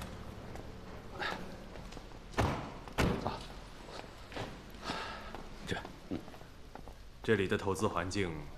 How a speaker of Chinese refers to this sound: 嗯，好，有人敲门了